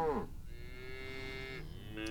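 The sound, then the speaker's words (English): Cows mooing: a long, drawn-out low moo follows the tail end of another, and a fresh moo starts at the end. Fairly quiet, with no talking. “I got to deal with this cat who's standing here, looking at me, and then looking at the cows, wondering why they're mooing. Because that's what they do, dingins.”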